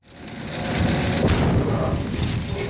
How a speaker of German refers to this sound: Ein Minenräumer von Digger wühlt sich durch den Boden, trifft auf eine Mine, eine Explosion. Der Minenräumer wühlt weiter, als wäre nichts geschehen.